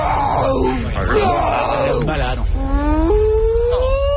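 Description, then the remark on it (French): A voice imitates a humpback whale call, as Doris the amnesiac fish speaks whale, with long, wavering moans and groans that slide up and down in pitch, drawn out continuously for about four seconds. “Doris, c'est pas du baleine, tu parles plutôt au estomac barbouillé. Bon, peut-être le baleine à bosse.”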